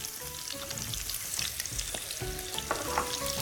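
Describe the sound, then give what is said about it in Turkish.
Chopped onions hiss and crackle as they hit a hot pan, a steady dense sizzle with occasional clinks and stirring sounds, no voices. “Şimdi ayağı doğradığımız, evet, soğanlarımız giriyor devreye.”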